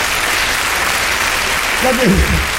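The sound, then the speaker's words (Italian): A crowd applauds and cheers in a steady, dense roar, with a few louder shouts and whistles rising out of it near the end. “Che tifo, che passione.”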